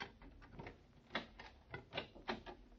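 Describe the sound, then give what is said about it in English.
A door being unlocked: a run of sharp metallic clicks and rattles, irregular and moderately loud, with a few stronger clacks as the key turns. No one speaks. “Okay, wait till I unlock the door.”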